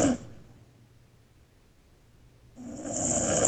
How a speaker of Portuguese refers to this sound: Você roncando, rapaz.